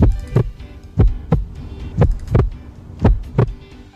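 A man's steady heartbeat thumps alone, each beat a low double thud, lub-dub, repeating about once per second, deep and fairly loud with a faint hum between beats.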